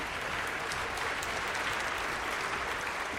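Steady, dense applause from a sizable audience for an oboe player, many hands clapping at once in a continuous wash of sound that stays at an even level throughout, with no voices standing out.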